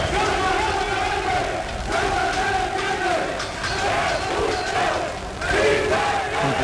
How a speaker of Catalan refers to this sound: Que va esclatar després d'aquesta concentració amb aquests crits que sentim,